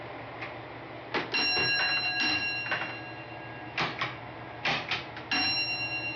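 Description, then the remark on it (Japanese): A railway block signalling bell, a confirmation signal sent from the other side of the line, is struck in short groups of sharp, ringing beats separated by brief pauses, each strike leaving a bright metallic hum. It is clear, with no voices. “鐘の音は線路の向こうから届く確認の合図。”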